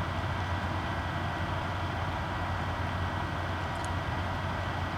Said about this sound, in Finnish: Mun koneen tuuletin huutaa. Jos minä olisin se, ei menisi hyvin.